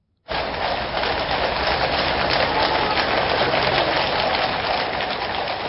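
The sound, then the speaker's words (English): Gentle rain falls in London during the formal opening of a new session of Parliament, in a steady, continuous hiss that begins abruptly and holds an even level throughout, with no voices or other distinct sounds. “Horses' hooves barren, because it's London, the gentle sound of rain.”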